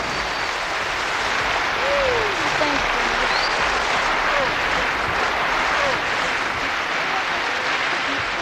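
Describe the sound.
Sustained, dense applause from a large audience, a steady wash of clapping that holds at an even loudness throughout, with a few faint whistles and voices rising above it.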